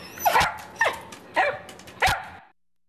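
A dog named Luigi barks four times in a steady, evenly spaced rhythm, each bark sharp, with no talking and quiet gaps between them, at radio station KWMR in Point Reyes Station.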